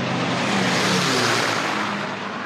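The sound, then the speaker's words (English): A loud, steady roar of P-51 propeller fighter planes passing overhead while chasing a racing boat on a speed run, with a throaty low engine drone under a broad rushing noise that fades slightly at the end. No one speaks. “Oh, those P-51s sound incredible.”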